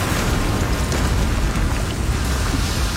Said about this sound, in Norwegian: På arbeidskontoret ber Kjakan alle forlate bygningen, fordi den kom til å eksplodere. Glasskår og vindusrammer sprudde utover gata.